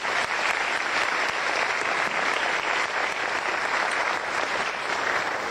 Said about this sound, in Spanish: Así que un aplauso para todos ellos.